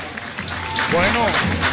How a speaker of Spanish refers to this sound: Recibimos con un fuerte y caluroso aplauso a la Escuela República de México.